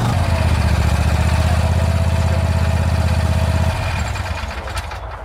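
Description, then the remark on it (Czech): A Vary RL102H garden lawn tractor, used for regular grass mowing with a collection basket, runs steadily after being started with a key, with a rhythmic low chugging drone, then drops in intensity near the end as it settles toward idle. “jedná se o klasický zahradní Trakturek na pravidelné sečení trávy se sběrem do koše”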